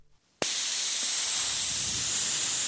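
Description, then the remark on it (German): After a brief near-silent moment, air suddenly rushes out of two bicycle tyres, leaving them flat, in a loud, steady hiss that continues without letting up, recorded for use in a music beat. No one speaks. “Jetzt habe ich zwar zwei platte Reifen, aber ich habe ein tolles Zischen aufgenommen.”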